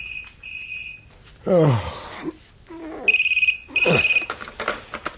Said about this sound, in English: The 2 a.m. phone call confirmed my misgivings.